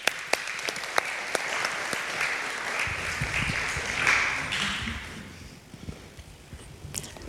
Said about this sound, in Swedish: En applåd.